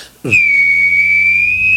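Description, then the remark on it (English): A person vocally imitates a jet taking off, producing a loud, sustained high-pitched whistling whine that starts abruptly after a brief quiet moment and holds steady for over a second. “Jet taking off.”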